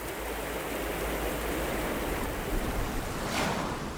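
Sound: ocean waves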